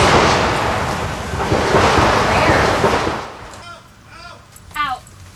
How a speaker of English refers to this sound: … was about to start a report for the channel when shots were heard. What is that? It sounds like fire.